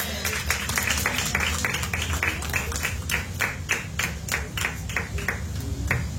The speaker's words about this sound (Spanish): Denle una prenda de palmas al Señor.